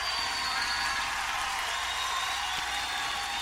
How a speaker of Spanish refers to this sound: Levante ese aplauso al Señor.